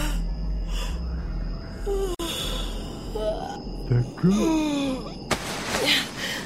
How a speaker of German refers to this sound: Sie rieb sich die Augen und gähnte.